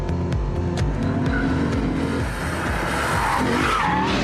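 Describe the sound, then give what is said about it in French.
An RCF car's engine roars with shifting revs, driven with electronic aids switched off, while tires skid and scrub under hard braking into tight corners; loud and continuous, with sharp clicks early on and no voices. “On va aller voir comment ça se passe dans les virages serrés. Alors, le freinage, il est juste diabolique.”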